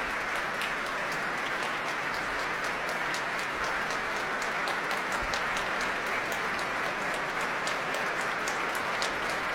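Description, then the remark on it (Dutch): Sustained, dense applause from a large, very enthusiastic audience in the Grote Zaal of the Concertgebouw, applauding Slobodenjuk and Sejong Yun Cho and calling for an encore. It stays steady throughout, with countless overlapping claps filling the hall and no voices standing out. “Ja, u hoort het zeer enthousiast publiek hier in de grote zaal van het Concertgebouw.”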